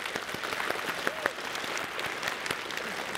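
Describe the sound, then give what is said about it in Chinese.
A church audience claps to encourage its small group leaders and district pastors: a steady, dense wash of many hands with sharp individual claps poking through, sustained at an even level for the full few seconds with no talking. “来给我们的小组长、区牧们一起鼓掌鼓励一下。”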